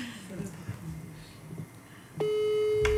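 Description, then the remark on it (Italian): A phone's ringing tone from an outgoing audio call starts abruptly partway through, a steady, clear electronic pitch that holds to the end, after quiet murmured talking in the background. “Anche lo squillo del telefono è intonato.”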